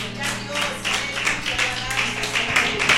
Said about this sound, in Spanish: Dele esa ofrenda de palmas al Señor.